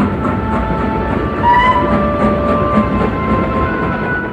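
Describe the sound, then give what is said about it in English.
A train accelerates forward at high speed along rail tracks, a steady dense rumble with a thin sustained whine riding above it, no voices present. “The train began to move forward so fast that it was frightening.”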